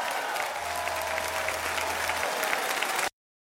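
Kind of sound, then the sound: crowd, applause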